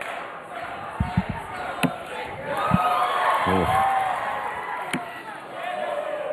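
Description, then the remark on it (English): A crowd at a darts match, with the score tied at 7 apiece, cheers and roars in a steady, dense wash of noise, swelling in the middle, with a few sharp thuds and a brief voiced exclamation. “And now the crowd gets into it.”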